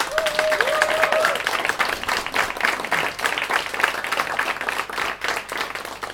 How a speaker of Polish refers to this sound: Wielkie brawa.